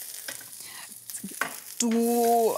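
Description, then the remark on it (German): Zucchini sizzle steadily in a hot pan while a few light clicks and clatters mark the slices being turned, ending in a loud, sustained squeaky scrape. No one speaks. “Ich drehe einmal schnell die Zucchinis noch um.”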